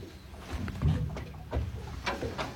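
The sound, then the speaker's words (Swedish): Gentle water lapping and clucking against a small boat hull on a lake at Nyckelgrundet, with soft irregular splashes and a steady low outdoor rumble, no voices. “Kanske att man hör lite tärnor en bit bort, men annars hör man ju klucket i alla fall från...”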